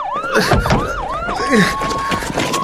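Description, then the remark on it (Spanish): A police car siren yelps in fast, rising-and-falling sweeps, loud, then settles into a steadier wail over busy street noise. “policía.”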